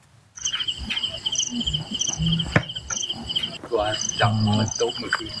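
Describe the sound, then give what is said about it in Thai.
Insect calls played from a recording device by villagers, together with a purple light bulb, as a lure to catch giant water bugs (maengda): a steady, shrill chirping trill repeating continuously, over low rumbling background noise with a brief muffled voice near the end. “สิ่งที่ทำให้แมงดาหลงกลมาติดกับนะครับก็คือหลอดไฟสีม่วงพร้อมอุปกรณ์บันทึกเสียงแมลงที่ชาวบ้านเขาเอามาเปิดล่อครับ”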